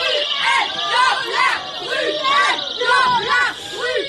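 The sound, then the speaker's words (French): Feminist activists shout '…, violeur' in a theatre in Paris, disrupting a singer's show; loud, high-pitched women's cries rise and fall in a rhythmic, chant-like pattern of repeated bursts over a steady murmur of crowd noise. “…, violeur, ces cris, ce sont ceux de militantes féministes.”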